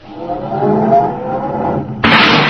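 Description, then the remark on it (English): A car engine starts and rumbles steadily as the car is backed into a parking space, fairly loud, then a sudden harsh hissing rush takes over near the end. No one talks. “Hey, this is a nice-looking car, all right, Kingfish. Wish I had it. Yeah, well, start it up, Andy, and back it over there”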